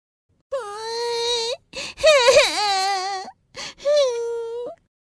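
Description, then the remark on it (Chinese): A young voice, the character Nini in an animated children's story set in a forest, cries in three drawn-out, wavering wails broken by short catches of breath, fairly loud with nothing else in the background. “哎，怎么好像是妮妮的哭声啊？”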